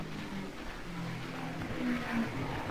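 Parnelli Jones's number 98 race car, without brakes, comes into a pit stop. Its engine drones steadily with a low throaty rumble and a slightly rising pitch, and no voices over it.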